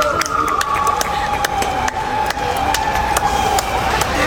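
Scattered, sparse handclaps ring out over a steady wailing National Guard siren tone that slowly glides downward, with a low crowd murmur underneath throughout, at the heavily guarded training camp of Iran's national football team in Tijuana, Mexico.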